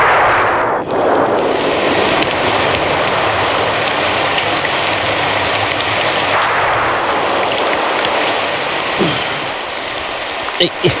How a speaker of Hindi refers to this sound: बहुत बारिश पड़ रही है, कपड़े भी भीग गए, कहाँ जाऊं, इतनी रात है।